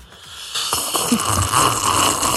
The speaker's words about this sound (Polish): Słuchajcie, jaki jest Międzynarodowy Dzień Herbat, no to trzeba sobie siorbnąć taką herbatkę i dokładnie. Robimy konkurs, kto najgłośniej potrafi siorbać. Ja zaczynam,